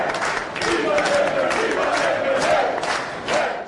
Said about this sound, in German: Jubel in Maltas Auszählungszentrum in Nashar, als die ersten Teilergebnisse bekannt gegeben werden. Noch bevor der Wahlausgang offiziell feststeht, sind die Zahlen so eindeutig, dass die Labour-Delegierten Hochlebe-Labour-Sprechchöre anstimmen.